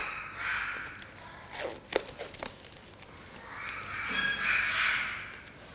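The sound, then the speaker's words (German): A parakeet in a veterinary clinic, being treated for a foot injury caused by its leg ring slipping, lets out harsh, raspy squawks in two drawn-out bursts, fairly loud, with a few sharp rustling clicks in between. No one speaks. “Dieser Gustavsittich ist hier bei uns in der Klinik, weil dieser Vogel ein Problem mit seinem Ring hatte.”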